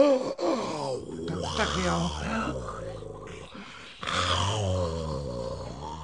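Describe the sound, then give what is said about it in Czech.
Drowsy dogs that have fallen asleep groan and growl low in their throats, a run of long, drawn-out grumbling sounds with a brief pause midway, no words spoken. “U všech všudy tohle jsou mi nafoukaní psi. Ještě, že na chvíli usnuli a dají pokoj.”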